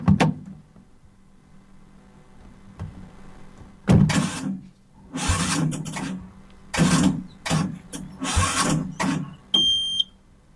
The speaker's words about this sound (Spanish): ¿Qué le pasa a este auto que no arranca?